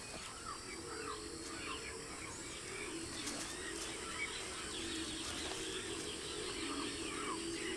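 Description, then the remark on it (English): Scattered chirping calls from a young caracara, a tick-eating bird, rise over a steady outdoor ambience, short bright notes repeating irregularly with no one speaking. “The bird doesn't require much payment. It's after ticks, not tips.”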